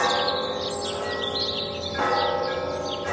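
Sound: church bells ringing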